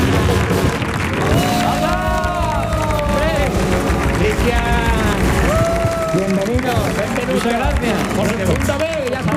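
A loud, sustained burst of crowd applause with cheering and whooping voices rising over the dense clapping, filling the whole stretch without a break, as the audience of the radio show El show del comandante Lara on Canal Sur Radio gives an ovation to welcome a guest.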